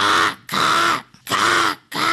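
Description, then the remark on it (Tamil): A school student doing mimicry imitates a crow's caw with four loud, harsh, raspy calls, evenly spaced with short pauses between them and no other sounds around. “இது பேர் காகம்.”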